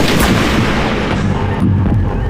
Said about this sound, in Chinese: 怎么光听见枪声，没见尸体？ 朝天放的枪。